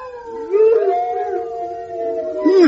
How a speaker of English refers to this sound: Hey, did you hear that? There's a whole pack of them. There's a whole pack of horrible hounds. Don't panic, don't panic.